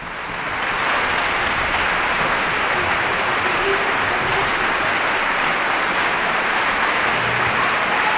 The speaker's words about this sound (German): Noch einmal großer Applaus, Bravo-Rufe aus dem Publikum.